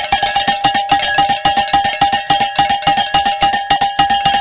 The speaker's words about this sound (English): we can say during that last hour, we were able to hit our goal, and we can ring the bell.